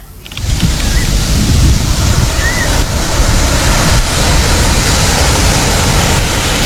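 Loud, continuous roar of ocean surf washing onto a beach, a steady rushing wash with no distinct pauses between waves, with no voices.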